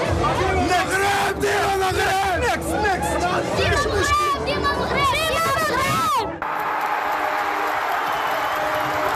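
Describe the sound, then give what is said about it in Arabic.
A loud, dense crowd of Moroccan football fans, young and old, men and women, shouts and cheers together as Morocco attacks in its third World Cup match against Haiti. Many overlapping voices rise and fall in excited bursts, then abruptly cut to a steadier crowd roar. “أصوات تعبر عن تشجيع صادق من القلب، فكلما هاجم أسود الأطلس في ثالث مباراة ضد هايتي تهتف الجماهير صغارا وكبارا ونساء ورجالا.”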